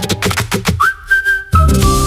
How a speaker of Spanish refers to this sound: Vale, empezamos con el silbido, sí, que es muy de verano azul también. Sí, va muy de bicicleta.